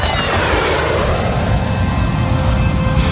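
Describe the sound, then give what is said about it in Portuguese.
A steady, loud drone of an airplane in flight just after a successful takeoff, dense low rumble with a faint high whine gliding slowly downward, continuous throughout with no voices. “Senhoras e senhores, decolamos com sucesso.”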